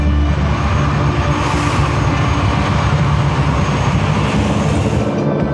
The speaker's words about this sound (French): Les Canadair vont écoper dans la Seine. Donc, la rotation est très rapide entre des passages de Canadair. C'est de l'ordre de 6 à 10 minutes pour aller se ravitailler en eau. Toute la journée, les Canadair survolent la zone.